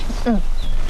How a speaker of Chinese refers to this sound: 行了啊，吐的差不多，赶紧走。